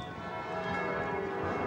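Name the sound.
church bells ringing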